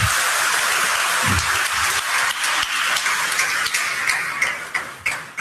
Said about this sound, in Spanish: Viva Cristo Rey. Un aplauso a Cristo.